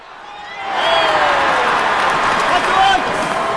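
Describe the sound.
A large crowd at a Red Sox home game at Fenway Park roars in a dense, continuous wash of overlapping voices and cheering, swelling after the first second and holding loud and steady throughout.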